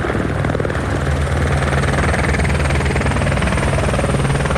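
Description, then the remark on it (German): A helicopter roars steadily, its rotor thumping in a constant rhythmic pulse for several seconds with no speech over it, as it flies in and drops water on a fire. “Der Heli fliegt an und wirft gezielt das Wasser ab.”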